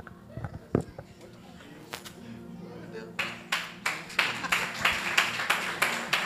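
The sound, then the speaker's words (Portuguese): A church audience claps in unison for Jesus with a steady, brisk rhythm that begins after a few seconds of scattered noises and low voices, the claps sounding loud and full. “Aplauda mais forte a Jesus.”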